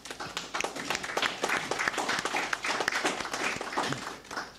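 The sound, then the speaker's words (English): An audience applauds steadily for several seconds in recognition of the Vulnerable Person Unit officers of the Royal St. Lucia Police, a dense patter of many hands clapping at a fairly even level with no one speaking over it. “Ladies and gentlemen, let us show our appreciation to them.”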